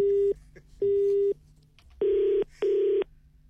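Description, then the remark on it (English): After the other party puts the phone down during a call, a telephone line tone pulses on and off four times, each beep about half a second long, the last two harsher and buzzier, with no one talking. “Did you put the phone down on me?”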